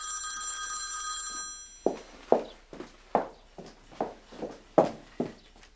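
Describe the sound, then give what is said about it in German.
A mobile phone rings with a steady electronic tone for under two seconds, then stops unanswered. A run of sharp, evenly spaced footsteps or clip-clop knocks follows. No one speaks. “Warum gehst du nicht ans Handy?”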